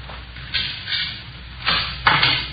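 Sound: door buzzer ringing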